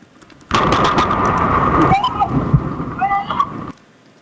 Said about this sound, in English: Video caught the moment a Staten Island man was struck by lightning and survived.